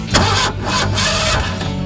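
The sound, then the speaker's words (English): A car engine cranks slowly and labors to turn over, its starter grinding in a few uneven, heavy pulses without catching, in an AutoZone radio ad about car batteries. “Starting slow? Heat can damage your battery.”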